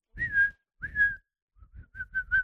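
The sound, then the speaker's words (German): A person whistles like a bird as a clue in an animal guessing game: two long, wavering mid-pitched whistles, then a quick run of four short chirping notes, with no talking. “Ich glaube, du bist ein Vogel. Richtig.”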